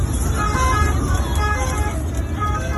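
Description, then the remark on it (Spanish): Inside a Guardia Civil car and an ambulance at night, the night of a deadly crush of sub-Saharan migrants at the border: a steady, loud engine and road rumble, faint high tonal whines above it, and muffled, indistinct voices in the background. “Es el sonido de esa misma noche dentro de un coche de la Guardia Civil y de una ambulancia.”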